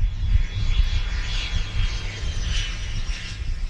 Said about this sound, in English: Planes have been taking off here for more than a century. The airport covers about 200 acres of city-owned land.